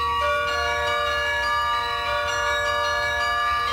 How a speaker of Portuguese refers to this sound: Os espetáculos têm lugar no Palácio Nacional de Mafra, que abriga um dos maiores carrilhões do mundo, mas o som do cimo das torres vai ser audível para todos